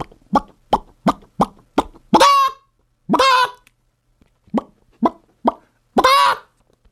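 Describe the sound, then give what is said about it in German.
A person does a chicken impression: quick, clipped clucks in short bursts, broken up by three longer, drawn-out squawks. The voice is clear, with no other sounds around it. “Okay, wie macht denn ein Huhn?”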